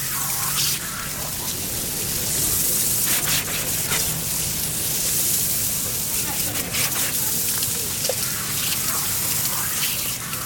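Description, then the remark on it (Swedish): Water sprays forcefully from fire hose nozzles in a steady, dense hiss that rushes on without a break for the whole stretch, loud, with small splashing flickers through it, as firefighters put out a fire in a kiosk. “Nu sprutar vattnet ur munstyckena med stor kraft.”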